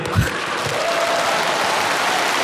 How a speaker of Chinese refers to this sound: 咱们给海璐姐鼓鼓掌。